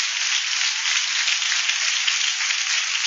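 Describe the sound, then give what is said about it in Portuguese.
A church audience at the 28th Women's Congress in Manaus, Brazil, claps joyfully for God for about three seconds as a woman is welcomed to lead the first part of the service. It is a dense, even wash of many hands with no individual beats standing out and no voices on top. “Nesse momento, vamos receber a nossa irmã que vai fazer a primeira parte do culto com palmas bem alegres para o nosso Deus.”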